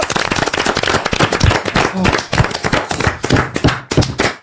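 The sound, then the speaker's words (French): The studio audience of the RTL radio show Les Grosses Têtes breaks into loud, sustained applause, many hands clapping in a dense, crackling patter that holds steady for several seconds before cutting off. “On vous applaudit et on vous embrasse.”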